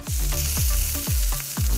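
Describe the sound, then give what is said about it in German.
A frying-pan sound effect: steady, loud sizzling of food frying in a hot pan, a constant crackling hiss with regular deep thumps pulsing underneath about every half second, no voices. “Wir brutzeln vor uns hin.”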